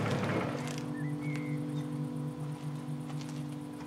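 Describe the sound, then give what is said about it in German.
A car engine idles with a steady, low rumbling hum that holds at an even level for the whole stretch, as police order the driver to switch the engine off; no voices over it. “Polizei, machen Sie den Motor aus.”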